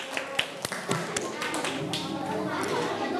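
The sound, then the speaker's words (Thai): A group of students in a class claps hands for their classmates in a loose, uneven patter of sharp slaps over a few seconds, with a faint murmur of voices behind. “ทุกคนปรบมือให้เพื่อนหน่อย”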